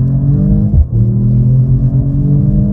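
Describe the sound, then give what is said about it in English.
A metallic white sports car's exhaust roars loudly as it accelerates in Sport Plus mode, the deep growl climbing in pitch, dropping briefly at a gear change, then pulling upward again. No one speaks. “Basically, I threw it into Sport Plus mode and let it rip. And rip it did, with the exhaust gaining some extra attitude.”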